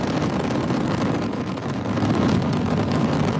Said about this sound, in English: All nine Merlin engines on the first stage at maximum thrust of 1.7 million pounds.